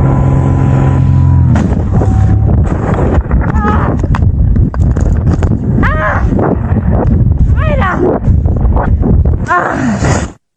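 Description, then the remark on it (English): Audio from a paramotor pilot's own camera, such as a GoPro: a steady droning engine hum cuts off abruptly into loud, chaotic wind buffeting and rumbling as a plane strikes the paramotor, with strained voices crying out over the roar until it stops. “But she got hit by a plane and is lucky to be alive.”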